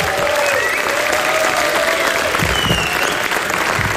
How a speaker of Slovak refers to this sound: A teraz by som poprosil môjho prvého hostia, aj vás, aby ste mu dali veľký potlesk.